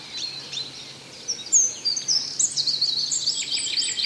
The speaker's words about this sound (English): Oh, chirp, chirp, chirp. The birdie's chirping away there.